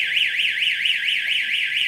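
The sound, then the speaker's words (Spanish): A loud electronic alarm from a defibrillator being activated for a demonstration sounds continuously, a high warbling tone sweeping up and down in pitch in a steady rapid cycle, with no voices over it. “Bueno, prepárense. El defibrilador.”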